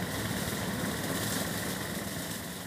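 A homemade lawnmower engine runs steadily while fine-cutting grass along the 25-kilometre draisine track from Zeven to Wildstedt. It makes a continuous rough droning hum that holds at an even level throughout, with no pauses and no voices.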